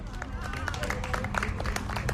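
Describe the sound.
Steady applause from a crowd of 33 people outdoors on a market square, many hands clapping in a dense, continuous patter at moderate volume, with faint voices and murmuring mixed in, cheering the winner of a breakfast game during a live NDR 1 Radio MV broadcast.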